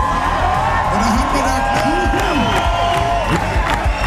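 A loud, dense crowd roars and cheers at an open-air summer concert in Moosbach, Germany, in fine weather, with whoops and shouted voices rising over a steady wash of noise and scattered clapping throughout.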